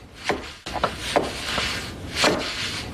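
A man taps weather stripping into place around a side door of a flat-roofed, stucco-sided building on a gray morning with light snow. There are about five light wooden taps at uneven intervals, each a short dull knock like a small hammer on trim, over a steady soft hiss with no voices.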